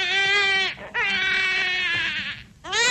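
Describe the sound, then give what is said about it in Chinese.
A baby wails loudly in three long, strained bursts separated by brief gasping pauses, the cry rising and falling in pitch with no talking. “婴儿哭了，安在天站在那里，眼神一直躲闪着，他不愿意看见婴儿。”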